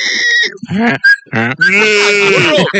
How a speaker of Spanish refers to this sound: Y el chivo también.